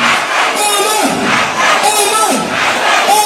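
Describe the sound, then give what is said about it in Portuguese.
A loud crowd of Somali fans roars and chants in rhythmic surges, celebrating and cheering a referee, voices swelling together in waves, dense and continuous throughout. “E aí a turma da Somália fez uma festa porque ele não vai participar da Copa do Mundo.”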